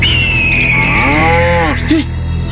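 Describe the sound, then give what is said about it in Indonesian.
A cow moos once, a long loud bellow with a rich harmonic tone that starts high and slides steadily downward, ending in a short lower grunt. No one speaks. “Kau bersuara lagi. Nggak lama kau dimakan sama itu burung raksasa.”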